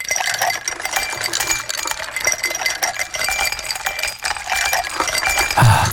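Ice cubes in a huge pool full of ice clink and rattle continuously, a dense jingling of many bright, hard collisions with steady loudness and a brief heavier rustle at the very end. No voices.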